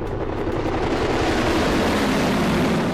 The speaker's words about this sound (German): Die FW61 sieht übrigens gar nicht wie ein Hubschrauber aus, wie wir ihn heute kennen. In der Mitte ist ein Flugzeugrumpf und statt Flügel drehen sich links und rechts zwei große Rotoren.